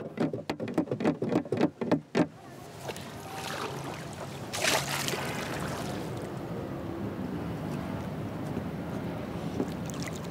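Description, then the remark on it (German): A paddle slaps the water of the Tu Bon River to attract fish, in a quick run of about a dozen sharp splashes, then gives way to steady watery churning and lapping around a small round boat. “Am Tu-Bon-Fluss versucht Liu, Fische durch das Schlagen des Paddels anzulocken.”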